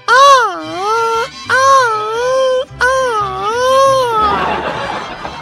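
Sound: traditional Mexican grito shout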